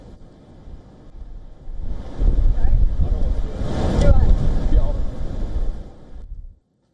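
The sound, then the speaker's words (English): Gale-force wind roars and buffets the microphone, bending palm trees, while large waves slam into the shoreline by a promenade; the storm noise swells loudly after a quieter start, then cuts off abruptly. “gale force winds bent palm trees as large waves slammed into the shoreline”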